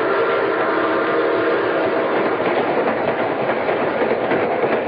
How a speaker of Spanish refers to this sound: Después de medianoche, el tren nocturno se dirigía a Morácuaro con toda normalidad.